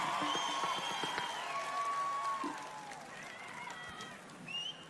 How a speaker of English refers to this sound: This side, that wasn't very convincing. Just a little bit of applause from you guys, and then we'll get going.